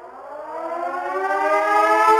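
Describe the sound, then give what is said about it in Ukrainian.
A civil defense air raid siren sounding an air raid alert wails alone, its steady harmonic tone slowly rising in pitch and growing louder over a couple of seconds, loud with no voices. “Увага! Громадяни! Повітряна тривога!”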